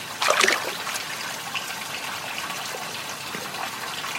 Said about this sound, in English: This rock bowl is at Skubai. With its water, we wash our hands and rinse our mouths.